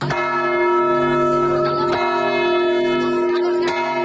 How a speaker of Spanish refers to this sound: La ciudad de Granada, que 90 años después vuelve también a hacer sonar sus campanas por el autor.